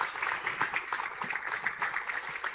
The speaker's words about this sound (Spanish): Denle un aplauso a Dios por eso. Vamos, denle un aplauso a Dios, jóvenes, por eso, por favor.